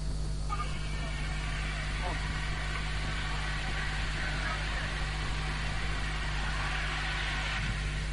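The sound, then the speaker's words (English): Drones whir through the air at the NASENI (National Agency for Science and Engineering Infrastructure) headquarters in Idu Industrial Area, Abuja, as a presidential communication team begins a tour, in a continuous, even buzz over a steady low hum, with no breaks or changes in loudness for the whole stretch. “Sound of drones blasting through the air as the presidential communication team begin the tour of the National Agency for Science and Engineering Infrastructure, NASENI, facilities at the headquarters in Idu Industrial Area, Abuja.”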